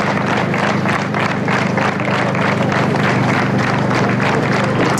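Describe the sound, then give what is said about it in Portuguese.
Long, loud applause from a large crowd on the TV broadcast of the Volta a Portugal, after the announcement of the death of an NSN rider, a dense steady roar of clapping that holds at full strength throughout without pause, with no voices standing out. “São assim estes aplausos fortes e longos na transmissão televisiva da Volta a Portugal.”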